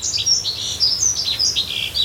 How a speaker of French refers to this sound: Et ce chant est vraiment... Il est tout discret, tout fin. C'est un oiseau, ouais, un peu, pas fétiche, mais il me touche particulièrement.